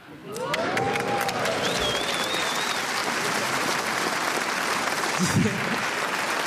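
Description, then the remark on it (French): A live audience bursts into sustained applause after a man says he is celebrating 17 years with his wife, dense clapping that swells quickly and holds steady, with a few whoops and cheers rising over the crowd noise. “Vous avez fini par applaudir parce qu'il y en avait d'autres qui applaudissaient, mais j'ai vu, il y a la moitié de la salle qui a fait « ça va aller ?»”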